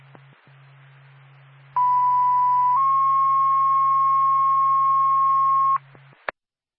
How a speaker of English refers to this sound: NORPAC, Whitefield Fire Department. Stand by for a tone.